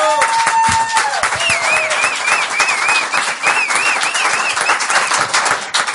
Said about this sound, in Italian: Un altro applauso!